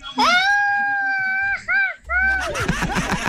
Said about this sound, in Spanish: Que al mejor grito mexicano, yo, de mi parte, les voy a dar un chicle.